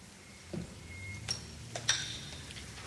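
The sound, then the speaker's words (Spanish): Two plates being set down on a table: four or five soft, irregular clinks and knocks of ceramic, a couple ringing briefly with a bright tone, over a quiet background with no talking. “¿Pones dos platos nada más?”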